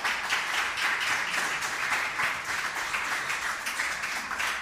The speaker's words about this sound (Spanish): Muy bien, fuerte aplauso para él.